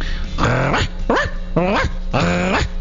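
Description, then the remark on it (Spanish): A person imitates a small dog, like a corgi, barking: four loud, yappy voiced barks with rising and falling pitch, spaced in quick succession over a low steady hum. “Estás interpretando a un perro chico.”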